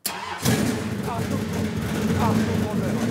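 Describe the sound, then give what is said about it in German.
An old car engine is started with the key after the gas pedal is pumped twice: a brief burst of cranking, then it catches and settles into a loud, steady, low rumbling idle that carries on to the end. “Hier unten ist der Schlüssel. Aber erst musst du zweimal pumpen mit dem Gaspedal.”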